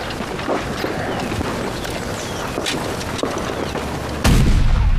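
Artillery booms thud over a constant rumbling, wind-like background, with several scattered blasts before a much louder cannon shot erupts near the end and keeps roaring.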